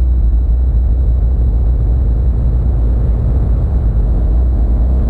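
A car engine rumbles steadily while driving, a loud, deep, continuous drone with no pauses, a faint high whine riding above it and no one speaking.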